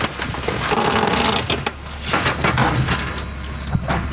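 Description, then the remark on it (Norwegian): A car being crushed in a car press: loud, continuous grinding and crunching with sharp cracks and splintering bursts throughout, and no voices. “Du, da tror jeg, da dør det en bil her.”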